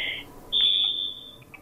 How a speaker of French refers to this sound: Attends, j'attends juste parce qu'il y a la sonnerie du téléphone, du coup.